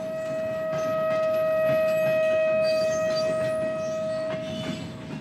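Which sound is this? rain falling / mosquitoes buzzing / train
train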